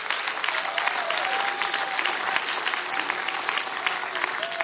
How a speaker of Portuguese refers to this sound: Quem pode aplaudir ao Senhor pela vida dos nossos irmãos?